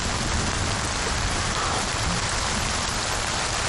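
rain falling

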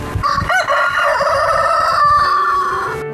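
rooster crowing

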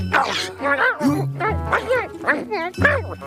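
dog barking

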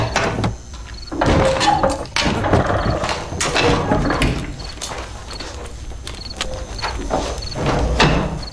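door being opened

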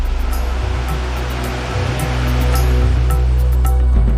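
waterfall rushing water

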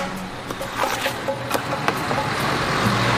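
trucks queuing

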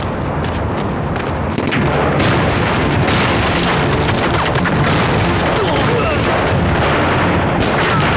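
battle gunfire and explosions

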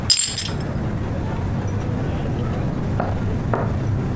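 glasses clinking

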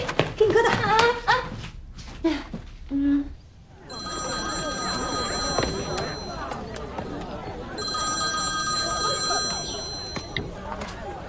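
telephone ringing

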